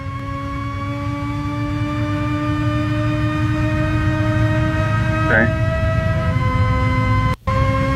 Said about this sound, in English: I found a sound clip of the Ferrari Lucci engine, if you want to hear it.